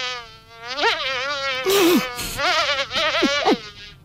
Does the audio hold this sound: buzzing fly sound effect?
yes